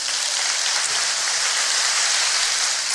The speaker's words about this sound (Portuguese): Agora dá uma salva de palmas.